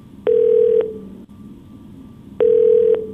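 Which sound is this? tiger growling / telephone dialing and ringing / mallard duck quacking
telephone dialing and ringing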